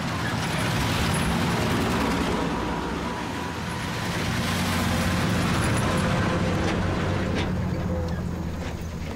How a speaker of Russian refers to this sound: Дорога в лесу. По ней двигаются два военных грузовика.